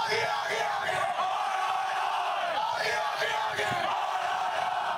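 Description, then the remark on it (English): A large crowd shouts and chants a call and response together in loud, continuous waves of many voices, sustained throughout with swelling bursts of collective yelling. “Suddenly, the whole crowd participates in this call and response.”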